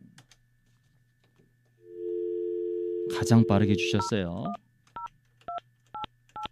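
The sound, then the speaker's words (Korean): A steady telephone dial tone hums while someone briefly speaks over it, then four short keypad dialing beeps follow at an even pace, clear, as a call is placed to the person who texted in first. “자 그러면 이분에게 한번 전화를 한번 걸어보도록 하겠습니다.”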